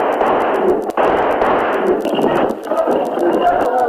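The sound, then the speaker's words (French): A single sharp revolver shot, fired by a man in an attack, cracks out early on over a dense, noisy crowd murmur, while a steady rapid clatter ticks along throughout. “Un homme avec un revolver vient de tirer sur”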